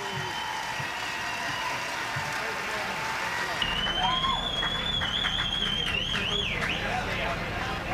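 An audience applauds steadily throughout, a dense wash of clapping; about halfway in, shrill whistles and cheering rise over it and carry on to the end.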